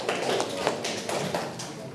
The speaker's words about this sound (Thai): เก่งมากเลยครับปรบมือครับ